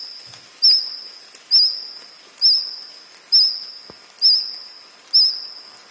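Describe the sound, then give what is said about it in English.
A cricket singing close to the ground makes a steady, high-pitched ringing tone, swelling into six evenly spaced louder chirps roughly once a second, with no voices. “Sounds more like a cricket, probably singing close to the ground.”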